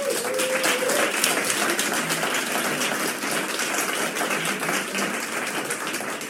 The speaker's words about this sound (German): bitte großen Applaus.